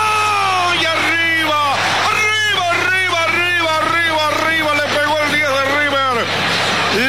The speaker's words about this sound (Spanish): En diagonal para el colombiano y casi el grito del Monumental